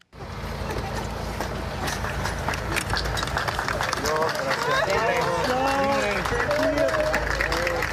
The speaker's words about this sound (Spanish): Testigos estallaron en aplausos cuando los bomberos rescataron con vida a una madre y a su bebé de 9 meses que permanecían atrapados bajo una estructura colapsada.